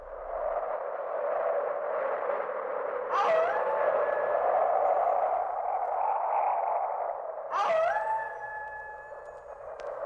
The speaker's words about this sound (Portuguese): Aqui estamos eu e você no meio da ventania e dos lobos uivando.